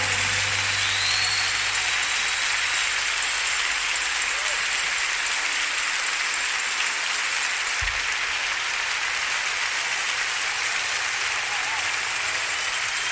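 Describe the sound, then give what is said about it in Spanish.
A crowd bursts into loud, sustained applause, a dense, steady wash of clapping that keeps going without letup for over thirteen seconds. “merece un aplauso más fuerte, hermano.”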